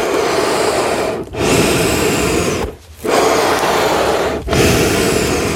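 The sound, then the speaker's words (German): Accordion bellows push and pull air with a loud, steady breathy rush, no notes sounding. Three brief dips mark the changes of direction, giving four long whooshing strokes with no voices. “Okay, kannst du es einmal für uns atmen lassen?”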